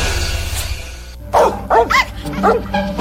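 A dog barks three or four times in quick, loud bursts after a brief stretch of low background noise.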